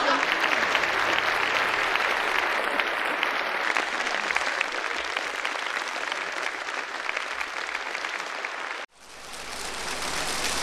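An audience of visitors claps steadily and fairly loudly for about nine seconds, a dense wash of hands with no one talking; it breaks off for an instant, then picks up again.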